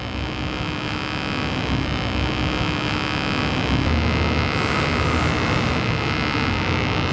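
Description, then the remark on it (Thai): A homemade contactless proximity detector gives off a loud, continuous buzzing hum for about seven seconds, rough and noisy with a steady low drone, as a mobile phone is tested to see whether the detector picks it up; its tone rises slightly in pitch partway through. No one speaks. “มันจะเขาเรียกมันแหลมขึ้นนิดหน่อยเนา ะ แสดงให้เห็นถึงหลักการว่ามันสามารถตรวจจับการเปลี่ยนแปลงได้”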